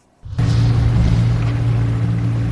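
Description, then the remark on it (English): A motorboat engine starts abruptly after a brief quiet moment, then drones steadily and loudly with a deep low hum and splashing water noise, with no voices; a boat on the Dead Sea. “is one of the only people licensed to operate a boat on the Dead Sea.”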